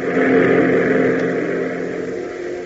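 A P-38 fighter plane roars in: a loud, steady propeller-engine roar droning with a low humming pitch that swells at first and then eases slightly over a few seconds, with no voices.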